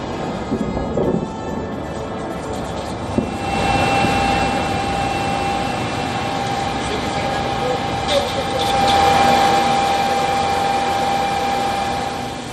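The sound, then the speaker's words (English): An attack drone flies over Kyiv, Ukraine, during a major Russian attack, its steady engine whine humming loudly above a broad, rumbling wash of noise that swells midway, with faint indistinct voices in the background. “Ukrainian authorities claim that the capital came under a major overnight attack, with drones striking several areas across the city and its outskirts.”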